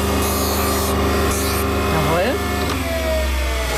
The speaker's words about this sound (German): Das ist immer noch so ein bisschen scharfkantig. Ja. Da muss man jetzt per Hand mit dem Handschleifstein auch die Kante brechen.